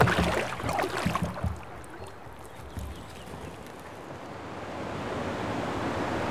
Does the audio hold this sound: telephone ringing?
no